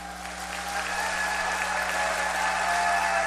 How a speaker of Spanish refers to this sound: Porque ya están en este teatro, ya nos regalaron sus voces, el público hermoso ya les aplaudió y les va a seguir aplaudiendo.